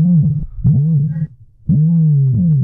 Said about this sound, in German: Das, liebe Inselradio-Hörer, ist der größte Vogel der Welt, der Strauß. Und die gibt es tatsächlich auch hier auf Mallorca, genauer gesagt auf der Straußenfarm Arte Strutz bei Campos.